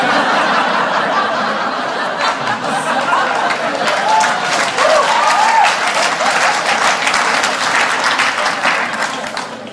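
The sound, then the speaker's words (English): The audience of the chat show Knowing Me, Knowing You with Alan Partridge applauds loudly and steadily for about ten seconds after a joke about bullies, dense clapping mixed with scattered chuckles and laughter. “You guys just applauded bullies.”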